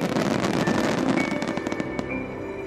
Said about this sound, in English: Fireworks can only be launched during times of peace. So when fireworks go up, yes, they're beautiful. But beneath all that, I would be deeply grateful and happy if people feel at peace.